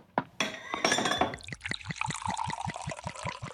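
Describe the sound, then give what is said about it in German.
A few bright glass clinks ring out, then sherry is poured steadily with a rhythmic glugging into a glass for a toast. No one speaks. “Also, erheben wir unsere Gläser auf Grainer Castle.”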